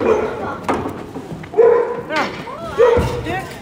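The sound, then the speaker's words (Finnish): A dog barks about three times at irregular intervals, short sharp yaps standing out over a busy background murmur of voices and movement, during ring training with five dogs at a dog competition. “Nyt täällä treenataan rinkitreeninkiä kussejuuskoiritten kanssa. 5 koiraa tränaa.”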